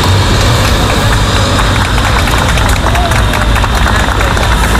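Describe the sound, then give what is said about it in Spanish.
Neighbours in Madrid's Carabanchel district clap steadily outdoors as vehicles carrying 14 Spanish passengers from a ship hit by a hantavirus outbreak arrive at the Gómez Ulla hospital on a Sunday after 4:30 pm, engines rumbling, with scattered voices mixed into the continuous, loud din. “Llegaban este domingo, pasadas las 4:30 de la tarde, entre los aplausos de los vecinos del barrio madrileño de Carabanchel, que es donde está ubicado este centro sanitario.”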